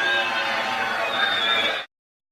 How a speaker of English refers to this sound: Wow. Barely heard anything he said over that booing.